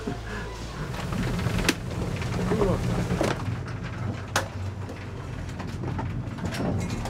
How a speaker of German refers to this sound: Das ist eine richtig stabile Förderschnecke mit 27 kW. Also da steckt richtig Musik hinter.